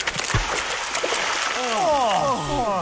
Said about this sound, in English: Quick, wash in the pristine waters of the falls.